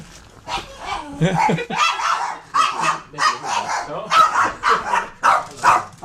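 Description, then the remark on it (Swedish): A small dog barks repeatedly in sharp, high-pitched yaps, a steady run of about a dozen barks, with some voices faintly mixed in. “Var är hundarna?”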